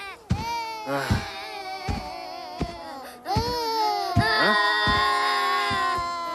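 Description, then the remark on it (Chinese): Children cry continuously in high, wavering wails, voices rising and falling without pause, loud throughout. “怎么有小孩的哭声，还哭个不停，吵得我没办法午睡。”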